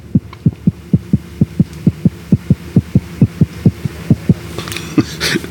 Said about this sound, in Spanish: El corazoncito late más fuerte.